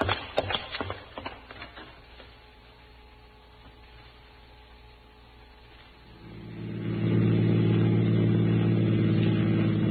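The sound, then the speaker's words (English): A car engine starts with a few sharp clanks, idles with a steady hum, then revs up loud and holds a strong roar as the car pulls away. “We got a fast car.”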